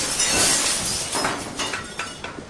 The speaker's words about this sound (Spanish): En la esquina con la Sexta Avenida destacaba el escaparate iluminado y astutamente decorado de una tienda. Soapy cogió un adoquín y lo lanzó contra el cristal.